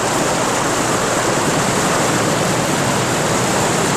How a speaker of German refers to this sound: Sie waren in einen Wasserfall geraten, der tief, tief ins Erdinnere hinunterstürzte.